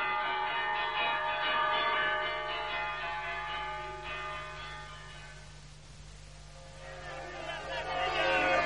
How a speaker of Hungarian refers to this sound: Kongasd meg azt az átkozott vészharangot, kongasd! Kongasd! Mindenki készüljön!